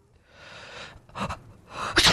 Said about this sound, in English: Oh, my God. I've had these sneezing fits. Yeah. Sorry. They just come out of the blue.